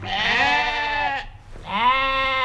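Two loud sheep bleats, each a long wavering call with a rich harmonic tone, separated by a brief pause. The sheep graze for nature conservation on the juniper heath near Berkertal, Frankershausen, around the Hoher Meißner in Hesse, Germany. No talking is heard.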